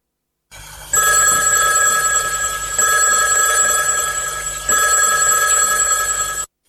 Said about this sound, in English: Answer the phone